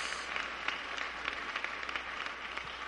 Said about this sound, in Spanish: Démosle un aplauso al Señor con todo el corazón.